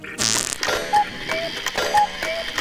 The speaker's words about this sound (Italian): Escono e rientrano, escono e rientrano. E fanno rumore di orologio vecchio.